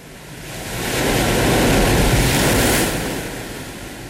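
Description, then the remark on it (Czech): Heavy surf roars in a broad, continuous wash, swelling to a loud crest mid-clip and then easing, with gale-force wind rushing over the rough, stormy sea in bad weather. No voices. “Stále je špatné počasí. Vichřice je horší než kdy jindy. Snad rozbouřené moře zdržuje další výpravu proti backupu.”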